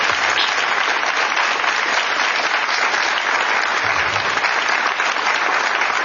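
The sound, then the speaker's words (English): Sustained audience applause, a dense, steady wash of many hands clapping at even loudness throughout, with no voices rising above it, at the end of an evening talk by historian Jonathan Knapp at the Gerald R. Ford Presidential Library and Museum in Grand Rapids, Michigan, in late June. “Get him around the applause.”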